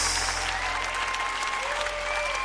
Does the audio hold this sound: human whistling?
no